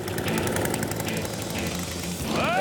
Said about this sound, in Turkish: Kar küreme makineleriyle deneyimim var. Bu gazla çalışıyor. Toro. Bunları 50'lerden beri yapıyorlar. Bakalım çalışıyor mu?